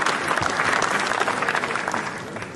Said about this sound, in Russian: Фильм был встречен 10-минутной овацией